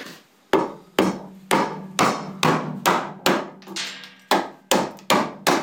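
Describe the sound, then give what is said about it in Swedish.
A very large wooden mallet strikes a gouge (a round chisel) into wood, hollowing out one half of a wooden lur horn, about eleven times at a steady, roughly half-second pace, each blow a sharp, loud knock with a brief ringing decay. No one speaks. “Så tar jag en skölp och en jättestor träklubba.”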